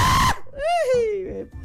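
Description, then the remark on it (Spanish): A single wild scream from one voice rises in pitch, peaks, then slides down into a strained wail, with a short burst of noisy hiss just before it. “Eso es un grito salvaje, eso es un grito.”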